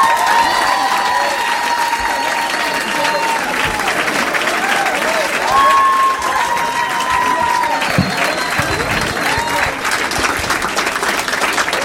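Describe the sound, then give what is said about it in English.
A crowd in Minneapolis on a Saturday night applauds loudly and steadily for the whole stretch, welcoming comedian Matt Kirshen to the stage, dense clapping with whoops and cheers rising above it, a few shouted voices briefly standing out in the din. “Please make some noise for Matt Kirshen.”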